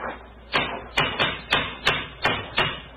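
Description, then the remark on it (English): A cane strikes a stone bridge parapet seven times in quick succession, each hard, sharp knock ringing briefly before fading, with no voices over the blows. “Yes. It's a hard knock.”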